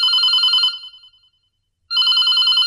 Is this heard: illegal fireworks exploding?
no